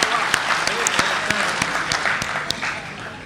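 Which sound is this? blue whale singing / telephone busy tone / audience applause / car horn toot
audience applause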